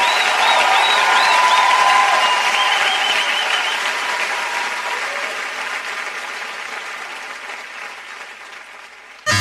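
A sustained burst of audience applause, dense steady clapping with some scattered cheers and whistles early on, gradually fading over about nine seconds with no talking.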